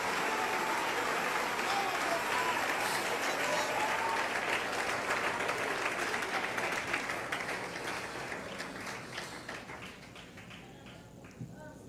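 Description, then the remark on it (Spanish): A crowd applauds loudly and steadily for the name of Christ, a dense wash of many hands clapping that holds strong for most of the time before gradually thinning and fading toward the end. “Dale ese aplauso fuerte a ese nombre y a ese hombre con ese poderoso nombre.”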